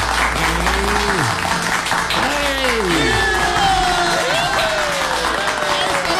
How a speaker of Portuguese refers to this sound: Os aplausos bem aplaudidos.